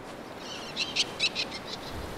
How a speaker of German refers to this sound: Während der Brutsaison kommunizieren die Vögel über weit hörbare Rufe. Ende des Sommers versammeln sie sich. Auf Antikythera gibt es die größte Brutkolonie der seltenen Vögel.